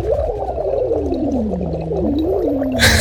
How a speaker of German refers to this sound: hier mein absoluter Tipp, weil ich das als Sprecher und Sänger auch immer mache: Silikonschlauch schnappen, den in eine Flasche geben, da etwas Wasser reintun und dann wird losgeblubbert.